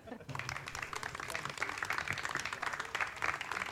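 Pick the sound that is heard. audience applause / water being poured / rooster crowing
audience applause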